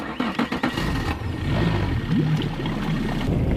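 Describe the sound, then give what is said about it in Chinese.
A small speedboat's engine drones steadily as it heads out over the water to fish for pike. A loud, continuous motor rumble mixes with rushing wind and water noise, with no talking. “对对对， 那咱这一小快艇，你连渔网也没拿，你怎么捕鱼啊？”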